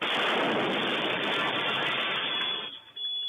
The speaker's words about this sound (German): Ein weiterer Sprengsatz explodiert kurz zuvor auf der Bergerstraße im Frankfurter Nordend.